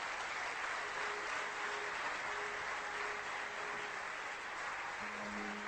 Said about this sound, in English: Have a standing ovation for the Swamiji. With a lot of applause.